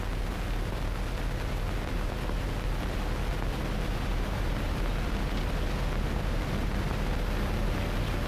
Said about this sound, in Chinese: 连长，连长，摩托车来了。 有多少？ 看不清啊，下来吧。